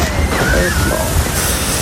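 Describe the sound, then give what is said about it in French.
A loud, rushing splash of water at the end of a water slide, churning steadily for a couple of seconds, with voices faintly mixed in underneath. “Allez, et attention, ça éclabousse.”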